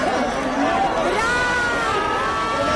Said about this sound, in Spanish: Y ha llegado Brad Pitt en medio del griterío al María Cristina para alegrar de sus fans.